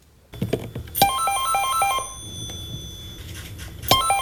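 A landline telephone rings, a bright electronic trill with stepped tones that repeats in two bursts about three seconds apart, heard on its own with no one talking. It is the last call on Elisa's landline network in Finland, placed by Elisa CEO Topi Manner to Traficom director general Jarkko Saarimäki.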